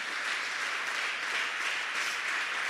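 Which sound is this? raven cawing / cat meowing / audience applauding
audience applauding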